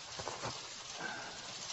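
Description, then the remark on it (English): Steady, soft hiss of rain falling, a continuous wash of fine patter with a few slightly louder drops, fairly quiet and even throughout with no voices. “I can't believe I didn't think about the likelihood there'd be rain.”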